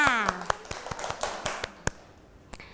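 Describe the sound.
Children clap their hands in a loose, uneven burst of about a dozen sharp claps over a few seconds, with a brief voice sounding at the start before the clapping thins out.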